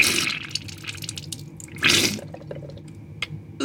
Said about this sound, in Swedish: Jag står lutad över handfatet hemma. Upp i min vänstra näsborre sprutar jag ljummet saltvatten.